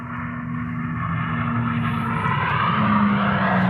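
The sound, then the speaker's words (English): A powerful engine roars in a steady, droning rush that grows louder as a fast car approaches, its tone shifting slightly near the end. No voices are heard. British driver Andy Green drives a car powered by two hydrogen engines across Utah's Bonneville Salt Flats at just over 406 mph, breaking the hydrogen-powered land speed record. “Yeah, the sights and sounds of British driver Andy Green blasting through Utah's Bonneville Salt Flats on Tuesday in a car powered by two hydrogen engines reaching just over 406 miles per hour, breaking the land speed record for a hydrogen-powered”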